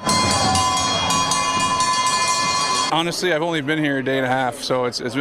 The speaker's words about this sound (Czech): Za Kanadu nastoupil Sidney Crosby a přivítal ho na stadionu i zvuk, který z NHL tak úplně nezná. Kravské zvony.